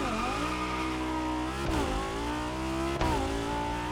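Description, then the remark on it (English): A car engine revs continuously with a rich exhaust note, pitch dropping and climbing again around gear shifts, loud with no talking; engine and exhaust sounds of a car in a video game. “We have a sound specific for the engine and a sound for the exhaust with the proper specialization.”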